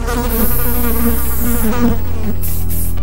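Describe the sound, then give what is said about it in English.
A fly comes to a freshly cooked meal, buzzing steadily for about three seconds, a loud droning hum with wavering pitch that rises and dips as it moves, with no voices. “Are you sick and tired of cooking your favourite meal only for a fly to come and ruin it?”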